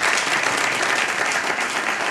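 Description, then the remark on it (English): An audience at Zoomer Hall applauds after Pablo Fernandez plays the prelude of Bach's first suite, with dense, steady clapping that stays loud and even for the full couple of seconds, no single voice standing out. “The music of Bach, the first suite, we heard the prelude, of course, and everybody cheers for that one, of course, so familiar.”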